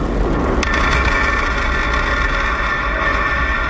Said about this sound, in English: We just heard some great sonic booms in the first stage, slowing down the vehicle to near zero. Stage one landing confirmed.